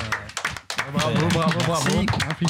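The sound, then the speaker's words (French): Scattered hand clapping from an audience for a new freestyle at the 100th LYF, sharp and irregular at first, then blending into a steady wash of applause with raised voices cheering and calling out over it. “quand c'est la 100e LYF du chemin vers la Bastille, des applaudissements pour un freestyle inédit.”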